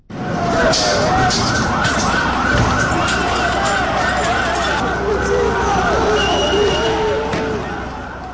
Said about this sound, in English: On a second day of demonstrations in the capital, Tirana, of Albania, thousands of students stormed the streets and were met with tear gas and water cannon from police. This was the sound outside the Prime Minister's residence.